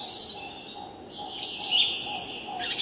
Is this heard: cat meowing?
no